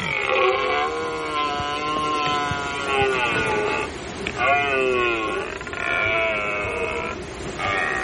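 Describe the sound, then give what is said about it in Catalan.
A rutting red deer stag bellows in long, loud, drawn-out groaning roars with a rich, wavering harmonic tone, about three calls separated by brief pauses, with no other sounds around them. “Escoltarem la brama del cèrvol.”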